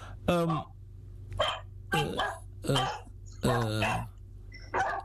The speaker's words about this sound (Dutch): U krijgt waarschijnlijk bezoek, want die honden slaan aan daar.